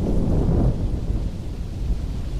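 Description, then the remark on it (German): A steady, low thunder-like rumble rolls on without a break, heavy and dense in the bass, swelling slightly at first before settling into a continuous deep growl with no voices. “stetiges Grollen schreckte das Mädchen aus ihrer Konzentration. Es glich nicht einem einzelnen Donnerschlag, sondern vielmehr einem außerirdischen Gemurmel, das fortwährend andauerte.”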